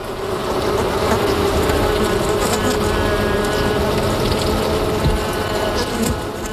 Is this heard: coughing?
no